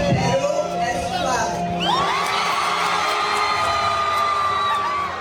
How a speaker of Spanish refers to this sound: El público la recibió entre gritos y aplausos, demostrando que finalmente Perú es clave.